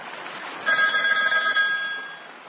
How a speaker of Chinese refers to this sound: 就在这时，电话铃响了。电话是刘汝明从蚌埠市内打来的。